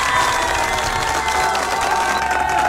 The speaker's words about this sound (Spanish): que de verdad se merece un aplauso, ¿no? Por animarnos en esta noche, por favor.